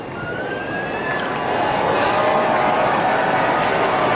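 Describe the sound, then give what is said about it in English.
A steady wash of crowd noise at a baseball game on a very hot day, a smaller crowd than on Friday and Saturday night, a dense murmur that swells slightly after the first second, with a few faint whistle-like tones drifting above it early on. “Nice crowd today, not nearly the throng we saw Friday and Saturday night, but not a bad turnout on a very hot day.”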